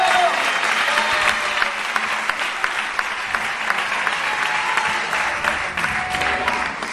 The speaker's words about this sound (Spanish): A su nombre. Dele fuerte ese aplauso a él esta noche.